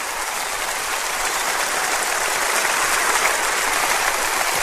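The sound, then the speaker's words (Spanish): An audience applauding the Lord: dense, steady clapping from many hands that holds at an even, fairly loud level for several seconds, with no voices over it. “Dele un aplauso a nuestro Señor esta tarde.”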